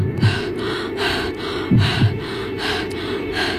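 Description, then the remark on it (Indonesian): Heavy, panicked breathing in a dark room, ragged gasping inhales and exhales repeating in an uneven rhythm, with a few sharper catches of breath and no talking. “Nafas gue naik turun.”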